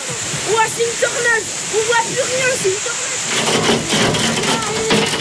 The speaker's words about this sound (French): La pluie et la grêle tombent si fort qu'on distingue à peine au-delà d'un mètre.